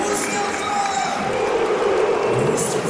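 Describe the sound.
A large stadium crowd at a football match between Münster and Hannover 96 roars and cheers steadily with a dense, sustained wash of voices and a few brighter shouts rising above it, celebrating Mustafa Bundu as he is substituted off in the 69th minute.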